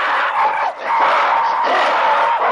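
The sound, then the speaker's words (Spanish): A loud, continuous chorus of monkeys screaming aggressively, many shrill overlapping cries with brief dips and no talking, as two rival monkey families leap, grunt and bare their teeth at each other across a pond, one defending its water from the invaders. “Los invasores no se arredran y responden con iguales gestos y gritos agresivos.”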